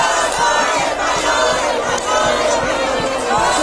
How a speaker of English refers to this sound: And Spain's through to the semis at the FIFA World Cup after defeating Belgium 2-1 in the quarterfinals. Fans erupting at a public watch party in Madrid.